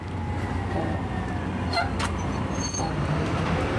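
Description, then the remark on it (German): A bus that has just been missed rumbles away through steady street traffic, its low engine drone continuous, with brief brakes or squeals cutting through the roadway noise. “Scheiße, schon wieder Bus verpasst.”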